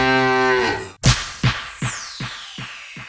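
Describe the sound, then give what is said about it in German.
A single low cow moo lasts about a second, then cuts off abruptly into a whooshing sweep and a run of fading, evenly spaced thuds. “Sich für Milchprodukte eine eigene Kuh in der Wohnung halten?”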